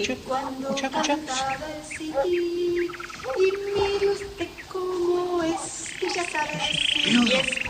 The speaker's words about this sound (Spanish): la canción con que hacía cantar al pajarito. Sí. Vení, vení a acompañarme, quiero escucharla mejor. Pero mira que bien canta ahí. Sí, parece mentira. Sí, sí, así decía el pajarito, de solo oírla rompía a cantar. Pero ve, ahí lo tenés.